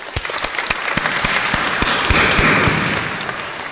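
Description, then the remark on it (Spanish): A parish audience at a liturgy applauds members of the parish economic affairs commission and those who prayed the rosary, a dense wash of many hands clapping that swells to a steady peak and then begins to ease off, with a few sharper individual claps standing out. “Aplauso para ellos.”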